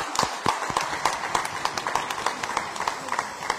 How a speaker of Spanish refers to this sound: Así que todos nosotros, démosle un fuerte aplauso a estos jóvenes misioneros.